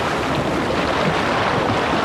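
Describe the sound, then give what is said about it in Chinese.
Steady roar of ocean surf washing in, broad and continuous, with wind buffeting across the microphone throughout; no voices. “这大海又说了：“庄好好，祝你生日快乐！”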